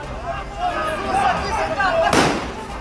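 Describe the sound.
A single sharp, loud gunshot cracks out near the end as police shoot at point-blank range at a knife-wielding man, cutting through a stretch of continuous, agitated voices talking over each other.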